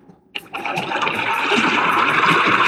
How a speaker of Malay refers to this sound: Tiba-tiba muncullah ombak yang sangat besar menuju Boru Saruding, hingga dia pun tak mampu mengendalikan sampan yang ditumpanginya. Boru Saruding dan sampannya pun ikut terseret gelombang yang besar tersebut.